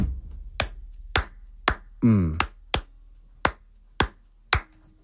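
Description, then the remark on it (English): Sharp, crisp hand claps repeat in an uneven, syncopated Cuban clave pattern, about eight in all, with a brief voiced sound partway through and a quiet background between claps. “But clave doesn't work like that. Their hand claps go one.”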